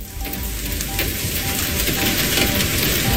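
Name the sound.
heavy rain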